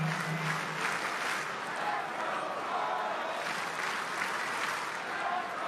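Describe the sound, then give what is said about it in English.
A large stadium crowd at a Monday night Royals baseball game, the first game of a new homestand, claps and cheers in a steady, dense wash of applause that holds at an even level throughout, with indistinct crowd voices mixed into the noise. “Monday night crowd trying to get behind their Royals.”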